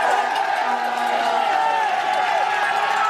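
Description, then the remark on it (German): A dense crowd of spectators at the Alpe d'Huez mountain finish of the tour shouts and screams continuously, a loud, steady roar of many voices with whoops and cheers rising through it for the whole three seconds. “Ja, da schreien sie.”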